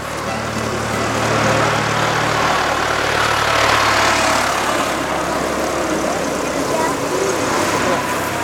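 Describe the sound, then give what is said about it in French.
An oyster farmer's tractor approaches on a 1.5 km pedestrian and cycle jetty, its heavy engine a steady low rumbling drone in the opening seconds that fades into a broad outdoor wash of noise, with faint voices. “parce qu'il y a le tracteur qui arrive là.”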